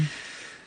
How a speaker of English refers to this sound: Let's take a deep breath together